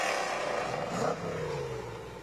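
A 1965 Cobra sports car engine runs with a steady, throaty rumble, its pitch shifting slightly as it idles and revs, continuous throughout.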